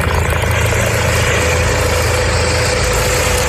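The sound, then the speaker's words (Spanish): A Guardia Civil mountain rescue helicopter in Asturias roars steadily throughout, a loud, unbroken drone with a deep low rumble and a hissing, turbine-like wash on top. No voices are heard. “Este en concreto es el helicóptero de la Guardia Civil por su última intervención, un susto afortunadamente ayer domingo, pero un rescate igualmente comprometido que exigió movilizar al aparato del grupo de rescate en montaña para rescatar a tres”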